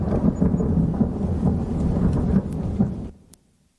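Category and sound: sound effect, thunderstorm sound effect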